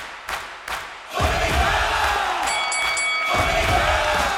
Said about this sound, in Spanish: ¡Aplausos!